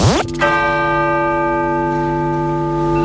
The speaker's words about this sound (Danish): Det er nemlig det, der sker undervejs, mens der ellers er stillhed i kirken, og klokkerne lyder. Lad os lige prøve at høre det her.